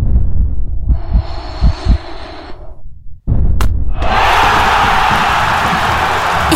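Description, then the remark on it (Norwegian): A football stadium crowd at Åråsen roars during stoppage time with the score at 1-1, a dense, rumbling noise briefly dipping, then surging into a louder, sustained, hissing roar that holds to the end. “Stillingen 1-1. Åråsen koker.”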